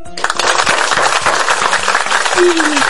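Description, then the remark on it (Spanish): Loud, dense applause for two girls who won a true-or-false game starts abruptly and holds steady for nearly three seconds, a thick wash of many hands clapping, with a brief higher tone gliding in near the end. “¡Un aplauso para las chicas del mundo!”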